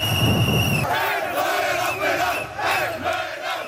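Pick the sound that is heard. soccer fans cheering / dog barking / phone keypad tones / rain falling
soccer fans cheering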